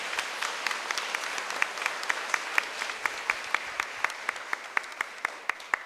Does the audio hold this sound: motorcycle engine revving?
no